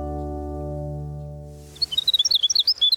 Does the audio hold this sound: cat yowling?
no